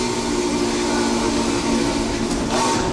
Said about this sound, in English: And I think it is the most accurate whistle simulator anyone's ever made digitally.